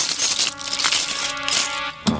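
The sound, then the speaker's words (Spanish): Thirty silver coins clink and jingle together in a bright, metallic cascade, with several ringing tones sustaining and overlapping before a final soft clatter; fairly loud, with no voices. “Ellos le ofrecieron 30 monedas de plata.”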